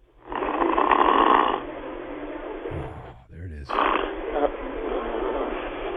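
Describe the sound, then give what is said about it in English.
An overweight man in his 60s in Minnesota snores loudly while asleep, with long rough, rattling breaths and a brief low gurgling break midway. The snores fill the whole recording, with no talking. “live coverage here on Fox Sports Radio of a overweight man in his 60s snoring in Minnesota”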